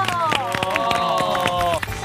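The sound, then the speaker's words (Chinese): An audience at the Guofeng Music Society show applauds to welcome Professor Yang Yu. Sharp, irregular claps crackle steadily over a sustained melodic tone with a rich, bright harmonic sound, fairly loud and continuous throughout. “除了我给大家助理以外呢，还有非常重要的寻风主理人，让我们掌声欢迎杨宇教授。”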